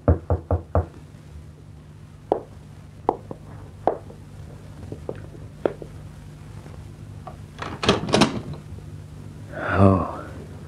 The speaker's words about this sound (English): When that knock came at the door, Bill Maddox tensed.